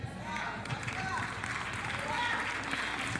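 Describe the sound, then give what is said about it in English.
A church audience claps in a steady, dense wash of overlapping hand claps, with voices mixed in throughout the few seconds of continuous applause. “Claps, we gonna decide.”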